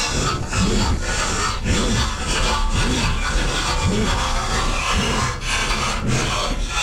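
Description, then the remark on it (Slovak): Bread being sliced with a knife, a loud, harsh rasping that goes steadily back and forth in repeated sawing strokes for several seconds, with no voices. “To bolo krájanie chleba.”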